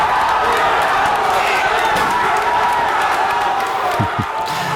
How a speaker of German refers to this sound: Deutschland hatte schon 2 Elfer verschossen, ist dann dank Manuel Neuer zurückgekommen und konnte ausgleichen. Und in dem Moment war am Saarbrücker Osthafen hier, wo viele Fans das Spiel geguckt haben, der Jubel natürlich auch riesig gewesen.